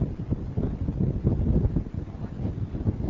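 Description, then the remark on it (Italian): Strong wind buffets the microphone in a continuous low roar, gusting unevenly with heavy rumbling turbulence, on a ship's deck in front of the engine room. No one speaks. “C'è un vento molto forte.”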